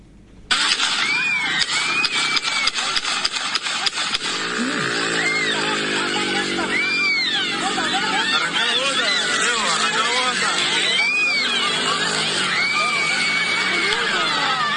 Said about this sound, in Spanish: Escuchen bien, eso es track, track, track, track, track, track, track. Tiro. Balas. Como 10 tiros son.